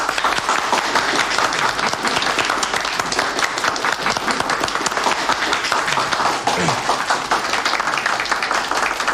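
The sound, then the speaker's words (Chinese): An audience at a meeting breaks into steady applause to thank invited experts. Many hands clap in a dense, continuous patter that stays fairly loud and even for about nine seconds, with no one speaking over it. “专家我们都请来了，还是应该表示一下感谢嘛。鼓掌。”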